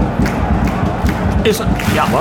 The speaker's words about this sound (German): Und was ist denn das? Beifall, ja.